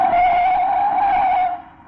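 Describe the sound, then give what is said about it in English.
A truck's tires skid with a loud, sustained screech in a near collision, holding steady for about a second and a half before quickly fading away. No one speaks. “Look out, the truck!”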